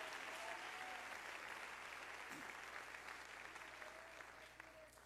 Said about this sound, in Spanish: Dele ese aplauso de alabanza al Señor.